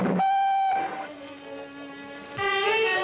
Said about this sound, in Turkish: Trenim kalkıyor.